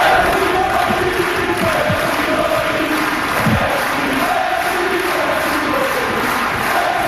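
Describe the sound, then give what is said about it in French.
A loud tennis crowd on Court Suzanne Lenglen at Roland-Garros chants a player's name in unison to thank him at the end of a five-set match, the rhythmic chant repeating steadily over a constant roar of many voices, with a few claps and shouts breaking through. “Écoutons un extrait de la foule qui scande son nom.”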